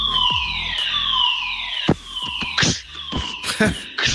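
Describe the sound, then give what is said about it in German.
A fire alarm sounds during a drill, a loud wailing siren whose tone sweeps downward over and over, broken by sharp bursts of noise. “Gestern hatten wir einen Probefeueralarm. So klang das dann.”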